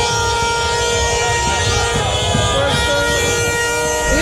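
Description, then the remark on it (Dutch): A dense chorus of car horns blares continuously in a busy street as Moroccan Dutch people celebrate Morocco's win on penalties in a tournament, sustained tones overlapping with a crowd's noise, loud throughout. “Wij gaan gillen en zij gaan toeteren.”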